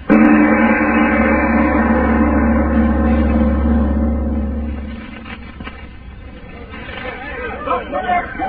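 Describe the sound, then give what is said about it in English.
A truck engine churns and rumbles loudly for about five seconds as men try to start it, then cuts out, leaving a hubbub of voices and chatter. “Look, them guys trying to start that truck.”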